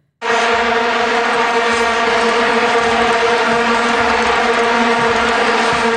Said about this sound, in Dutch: Dat waren die vuvuzela's, die plastic toeters die wereldwijd bekend geraakt zijn toen door het WK daar.